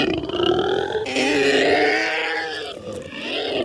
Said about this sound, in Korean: 현우를 떨어뜨린 괴수는 양발로 머리를 쥐어뜯으며 울부짖기 시작했다.